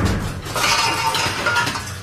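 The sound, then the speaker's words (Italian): Metal cooking pots clatter and bang together in a loud, continuous jumble of rattling hits lasting about two seconds, with no voices. “Un corpo di pentole! Un fattutissimo corpo di pentole! Faccio un casino della Madonna!”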